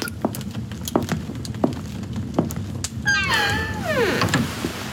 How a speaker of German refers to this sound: Mit einem durchdringenden Blick und einem nicht zu deutenden Lächeln schloss Graf Dracula die Tür und ließ mich allein.